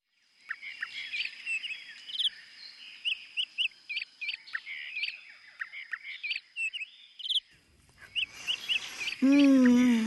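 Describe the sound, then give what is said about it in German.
A lively chorus of colourful birds chirps and whistles continuously by the sea, many short high calls overlapping, before a person starts talking right at the end. “Ist das schön hier. So viele bunte Vögel, duftende Blüten und das Meer.”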